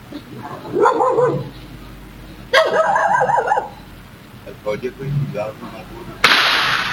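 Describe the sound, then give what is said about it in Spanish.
Dogs bark in short bursts, then a single loud, sharp gunshot cracks out near the end, sudden, its broad blast ringing briefly. It is captured by a camera, fired right beside workers preparing their vehicle near the cemetery in Eusebio Ayala. “su versión cambia cuando escucha más disparos”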